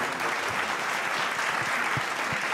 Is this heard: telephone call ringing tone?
no